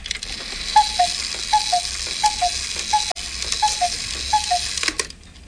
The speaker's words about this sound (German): Eine Hassuhr? Hassuhr ist zum Beispiel eine Kuckucksuhr. Können wir hier rum, ja. Warte mal, das sind Kuckucksuhren.